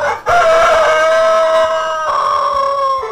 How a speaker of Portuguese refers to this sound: O galo já cantou, né